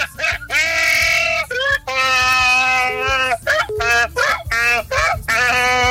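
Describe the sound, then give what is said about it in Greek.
A man loudly imitates a donkey's bray, belting out a string of drawn-out, nasal hee-haw cries in repeated bursts with brief gasping breaths between them. “…, κάνε τον γάιδαρο για τον πρόεδρο, κάνε τον γάιδαρο”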